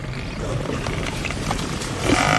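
Four lions roar and snarl as they attack a large African buffalo amid flying dust, dragging it down a riverbank, a dense, rough, unbroken din of growls and thrashing that swells louder toward the end, with no voices.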